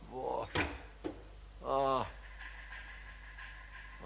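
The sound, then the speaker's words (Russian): A window being shut as the wind rises: two sharp knocks, then a brief high creaking squeal of the frame, followed by a faint steady hiss. “Ой, ветер поднялся, я закрою окно.”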